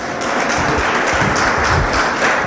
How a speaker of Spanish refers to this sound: Dale un fuerte aplauso, hermano, hermana.